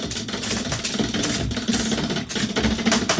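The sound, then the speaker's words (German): A prize wheel spins with a steady stream of rapid, rattling clicks over a faint low hum, holding an even loudness for the whole stretch without slowing to a stop. “So, und das dreht und dreht noch.”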